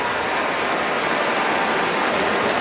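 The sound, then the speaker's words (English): Dense, steady applause from a large stadium crowd for an injured player, Moore, as an ambulance backs down the tunnel and he is put into it, a continuous wash of clapping and crowd noise with no pauses and no clear voices standing out. “And more applause for Moore as the ambulance has backed up down the tunnel and they're putting him in the ambulance.”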